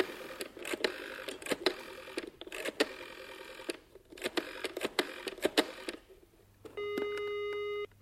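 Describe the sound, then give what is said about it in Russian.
A telephone number is dialed to call Graves: several bursts of sharp, fairly loud clicks, then a brief pause and a steady electronic line tone humming to the end. No one speaks. “Вот что, позвони Грейвзу.”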